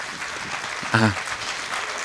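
An audience at a religious talk claps steadily for a visiting friend of the speaker, a dense, continuous wash of applause, with a brief voice calling out over it partway through.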